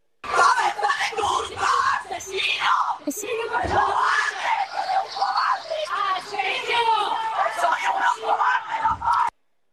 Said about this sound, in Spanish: Así, así recibían los vecinos a los dos hermanos, a los dos presuntos asesinos, con los gritos de un vecindario.